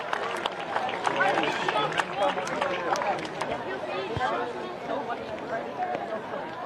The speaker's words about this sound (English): and there's the cheering. Let's listen to that.